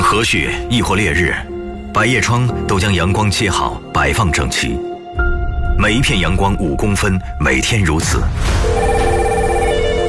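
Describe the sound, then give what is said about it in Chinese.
A telephone rings repeatedly with an urgent call, its bright electronic tone steady and fairly loud, layered under busy voices and background sound that stay prominent throughout. “一通急切电话亦或求助留言，键盘都将急速录入。”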